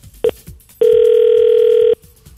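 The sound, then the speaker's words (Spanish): A telephone line tone after a caller's call drops during a radio phone-in: a brief beep, then a steady, loud, mid-pitched tone holding for over a second before cutting off, with faint background noise around it. “No, se le fue la llamadita.”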